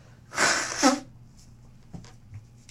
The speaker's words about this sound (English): Give me a second. Let me blow my nose.